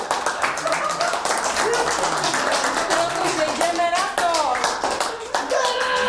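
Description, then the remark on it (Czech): A group of children clap together in a dense, steady patter at a volunteering-week event for the Liga vozíčkářů, where they are training for a climbing wall, with their excited voices and chatter rising over the clapping throughout. “Zatleskáme si.”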